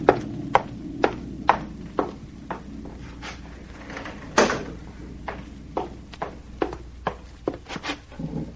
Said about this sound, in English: There's a storm coming up, and I can hardly hear you. Excuse me while I close the window.